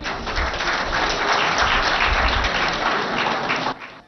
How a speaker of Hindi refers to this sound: आज रात जब हम अपने माननीय अतिथि कलाकार पद्मश्री मदन चौहान और श्रीमती स्वाति शिवाले का स्वागत करते हैं, आइए हम उन्हें इस गौरवशाली परंपरा को आगे बढ़ाने के लिए जोरदार तालियों से सम्मानित करें।